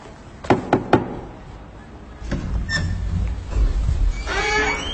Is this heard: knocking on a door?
yes